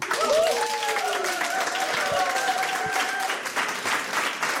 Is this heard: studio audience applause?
yes